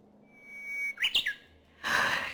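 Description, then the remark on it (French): A whistled imitation of a Japanese bush warbler, performed as a duet by two bird-song imitators at a concert in Japan: a long, steady held note that swells into a quick rising-and-falling flourish, followed by a burst of broad rushing noise. “Et à un moment donné, ils ont fait un duo d'uguiseaux.”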